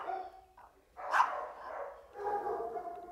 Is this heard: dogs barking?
yes